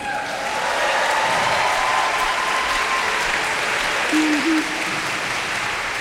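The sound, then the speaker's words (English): A large audience applauds steadily after a song, a dense wash of clapping that holds at an even, loud level throughout, with a brief tonal sound rising near the end. “And the claps are perfect.”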